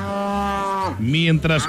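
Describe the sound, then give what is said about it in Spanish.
A cow moos loudly: a long, steady low bellow, then a second call that rises and falls in pitch, part of a rural mountain farm ambience from Antioquia. No one speaks. “Mientras que ordeñamos, recogemos los huevitos, por Dios bendito, cepillamos los caballos.”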